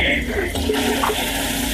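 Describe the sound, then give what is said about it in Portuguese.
A toilet flushes in a bathroom, a steady rush of water that keeps going at an even level for the whole short moment, with no pause or fade. “É sério, agora puxou-me a água.”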